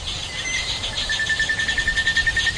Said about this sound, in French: Illustration sonore pendant la saison humide. Voici un enregistrement le jour avec des oiseaux.